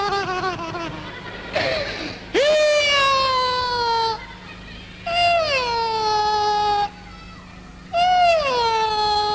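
A child cries loudly in long, wailing bursts, pausing between each with short sobbing gasps, three drawn-out howls in a row.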